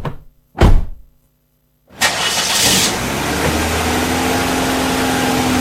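A car door thuds shut, then after a short silence a car engine cranks and catches, settling into a steady idle that runs to the end with no talking.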